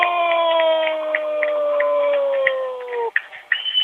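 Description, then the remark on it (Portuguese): A stadium crowd at a football penalty shootout in the Taça de Moçambique, Maputo provincial phase, chants and shouts "campeão" together in one long, sustained cry that slowly drifts downward in pitch, then breaks into a brief burst of louder, ragged shouting at the end. “Já se grita, campeão, vamos ver”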